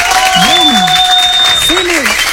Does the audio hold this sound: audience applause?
yes